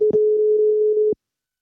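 A single steady telephone ringing tone heard when calling a health centre, a clear mid-pitched beep lasting about a second, then silence. A faint click marks the start and another the end.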